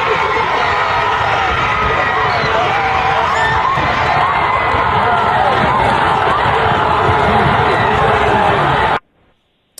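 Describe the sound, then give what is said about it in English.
A large football crowd at the Smyrna versus Rockvale game roars and cheers continuously at the game's ending after a Hail Mary, a dense wall of voices with shouts and whoops rising out of it, loud and sustained for about nine seconds before cutting off abruptly. “Okay, so the Smyrna game had an insane ending. Here it is.”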